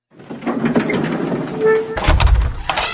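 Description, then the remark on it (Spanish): A front door is opened for visitors, with a rattling, scraping sweep, a brief creaking squeal, then a heavy low thump and rumble as it swings wide. No voices. “Baja rápido y ábreles la puerta.”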